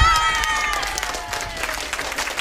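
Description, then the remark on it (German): A school class claps loudly and steadily for themselves while excited voices cheer and shout over the applause during a celebration, a dense, lively burst of noise that continues without a break. “Ihr dürft nochmal einen riesen Applaus für euch selber machen.”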